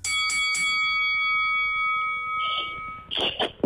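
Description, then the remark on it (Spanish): A bright debate bell rings out with two quick strikes, signaling the start of a speaker's turn; its clear tone sustains for a few seconds before fading, followed by a brief burst of voices at the end. “Yo no les vuelvo a dar paso, la campana suena, cuando suena la campana saben que es el turno de cada uno.”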